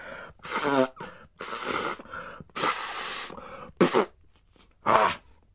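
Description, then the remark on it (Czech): Several loud, breathy nose blows into a handkerchief in quick succession, harsh hissing bursts separated by short pauses, with a couple of sharp honking blasts near the end; no talking. “No, a potom si jeden klokan dokonce vyndal kapesník z kapsy a hlučně se vysmrkal.”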